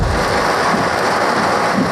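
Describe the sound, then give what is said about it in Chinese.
A heavy rainstorm pours down in a steady, dense roar that holds at the same strong level throughout, with a faint low rumble underneath and no voices; a storm brought to the Guangdong coast by a low-pressure trough, with heavy rain across Hong Kong under the Hong Kong Observatory's black rainstorm warning. “一道低压槽为广东沿岸带来的狂风暴雨，香港天文台昨天晚上发出了今年的首个黑色暴雨警告，生效一小时。”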